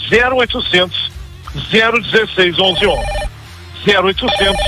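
A telephone rings with loud electronic warbling tones that come in repeated bursts separated by short pauses, with other busy sound layered underneath.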